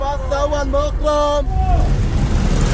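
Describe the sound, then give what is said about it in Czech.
Busy street traffic at an intersection rumbles steadily while a driver's voice calls out loudly in drawn-out, sing-song shouts, announcing destinations to potential passengers from unmarked vehicles, before the calls stop and engine noise carries on. “Takhle řidiči vykřikují své destinace a potenciální cestující tak má zrak uvolněný k hlídání, aby ho nepřejelo auto nebo osel, a k vyhledání spoje mu tak stačí jen dobře nastražené uši.”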